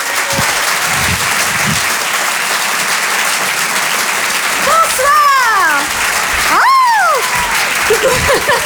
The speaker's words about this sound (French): Je vous demande un tonnerre d'applaudissements, s'il vous plaît, mesdames, messieurs